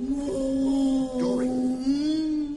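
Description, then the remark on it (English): A person imitates a whale call with one long, low, wavering moan that swoops slightly in pitch, held steady for a couple of seconds with no words. “Dory, this is not whale. You're speaking like upset stomach.”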